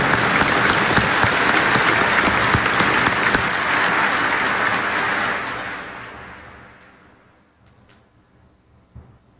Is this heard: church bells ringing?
no